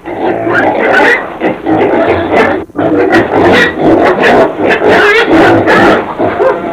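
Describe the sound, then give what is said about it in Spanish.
A pig grunts and snorts almost without pause for several seconds, loud, rough bursts with a few higher squealing edges and one brief gap midway. No one speaks. “¡Coche! ¡Coche, aparte de mi madre!”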